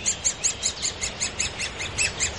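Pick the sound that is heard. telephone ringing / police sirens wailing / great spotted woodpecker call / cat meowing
great spotted woodpecker call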